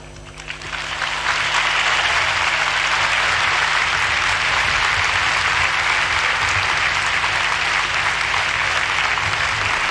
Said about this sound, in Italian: E questo grande applauso di la gente che gremisce lo stadio Arena di Lampedusa conclude l'omelia del Santo Padre